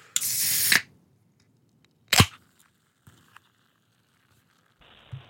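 A drink can is cracked open, with a loud fizzy hiss followed by a sharp pop and a few faint metallic clicks, with no voices.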